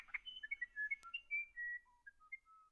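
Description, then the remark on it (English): A South American musician wren sings a series of clear, pure whistled notes at varying pitches, spaced in an unhurried, melodic sequence, heard alone with no talking. “It's a tough decision, but many would choose South America's musician wren.”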